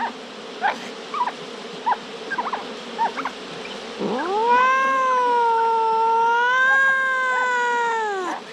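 A dense, steady buzzing of an angry bee swarm hums throughout, with short chirping calls over it, before a loud, drawn-out yowling cat takes over the second half.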